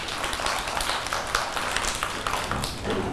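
A group of children at school clapping for a classmate, a dense, steady patter of many small hands filling the whole stretch at moderate loudness, with no voices heard.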